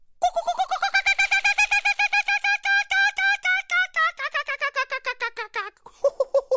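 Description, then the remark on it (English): A voice imitates the laughing call of an Australian kookaburra: a long, rapid run of loud hooting pulses that rise, chatter steadily, then tumble down to a few slower final hoots. “That's a pretty good imitation of the distinct laughing call of the Australian kookaburra.”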